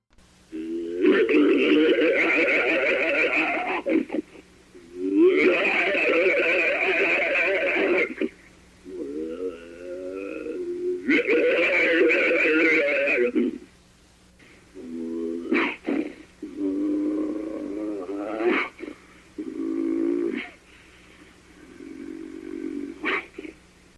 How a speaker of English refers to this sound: The snarls and growls could startle anyone